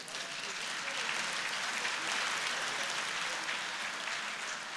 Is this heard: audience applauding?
yes